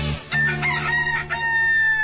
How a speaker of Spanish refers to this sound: Si escuchas al gallo cantar, estás en Amanecer Ranchero de la Raza.